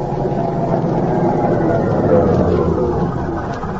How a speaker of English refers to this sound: We again join Agent Amity Vaughn as their car stops outside the military prison the following afternoon.